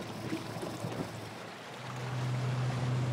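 A small inflatable boat out on open water: steady wash of wind and water, then a low motor drone swells in and holds loud for the last second. No voices.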